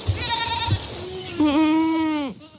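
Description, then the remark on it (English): Craig Madsen's goats bleat, one long wavering cry after shorter calls, with faint rustling and munching as they eat snowberry bushes, hawthorn and Oregon grape on a rocky slope near Spokane, Washington, on a late July morning, with no voices. “On a late July morning on a rocky slope near Spokane, Washington, Craig Madsen is watching his goats attack snowberry bushes, hawthorn, and Oregon grape.”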